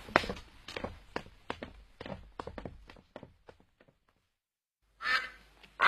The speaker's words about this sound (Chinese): 哎，这是我家的鸭子，你要干嘛呀？ 哦，这只鸭子落群了，我想把它赶上岸。